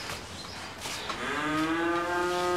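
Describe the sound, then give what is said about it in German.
A cow moos in a long, low, droning call that starts partway through and swells louder, holding steady to the end over a background of outdoor noise. “Aber die Kühe sind jetzt nicht mein Schwerpunkt hier.”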